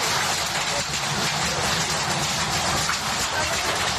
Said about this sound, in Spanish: En Beniardá, en el Valle de Guadalés, el protagonista fue el granizo.